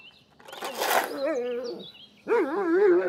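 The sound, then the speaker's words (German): A dog barks in two drawn-out, wavering bursts, the first starting with a harsh noisy edge and the second following after a brief pause, with no talking. “Du kriegst immer mal einen Herzinfarkt, Hund, ganz ehrlich.”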